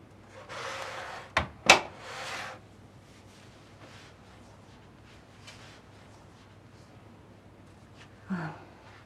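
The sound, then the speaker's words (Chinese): A man shuts a door, which swings closed with two sharp wooden knocks, framed by brief rustling, then a quiet hum and a faint soft noise near the end. “您关门干什么呀？”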